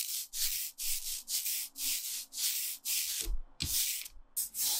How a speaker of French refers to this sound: Ce bruit-là, c'est celui d'un rouleau qui ancre la plaque.